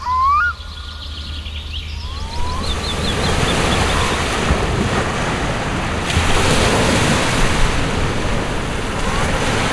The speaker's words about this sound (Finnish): Aallot lyövät tasaisesti hiekkarantaan. Siihen vähän ylemmäs on kasaantunut rakkohaurua, siis rakkolevää ohueksi patjaksi. On sateista, tuulista ja märkää. Me olemme Hangossa Tektomissa hienossa kallioiden reunustamassa poukamassa